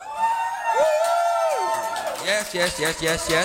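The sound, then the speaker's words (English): A live crowd of real people cheers and whoops during the Radio Free Tankwa broadcast from a small studio at Afrikaman headquarters in Cape Town: one long, high sustained yell rises and falls, then a jumble of shouting voices and scattered whoops fills the rest, loud and lively. “Yes, that's actual people. We don't have a rent a crowd.”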